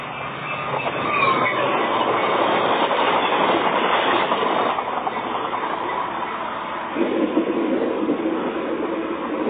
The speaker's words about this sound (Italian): Reperto 18. Registrazioni effettuate di nascosto nel corso di uno spostamento in treno. Hanno attinenza con la scena del film Un mostro e mezzo.